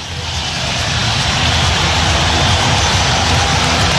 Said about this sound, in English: Listen to the crowd!